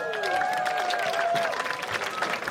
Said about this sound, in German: Und natürlich sind immer noch dabei Jasna Fritzi Bauer und Max Schimmelpfennig. Einen Applaus.